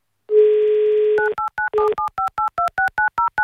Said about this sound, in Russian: Давайте узнаем у него лично. Прямо сейчас наберем его номер.